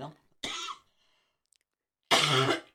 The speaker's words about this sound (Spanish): Ese golpito de tos que le acaba de dar